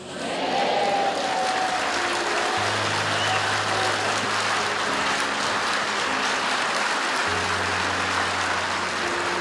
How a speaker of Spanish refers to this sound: Mejor ese aplauso, mejor, mejor, mejor, mejor.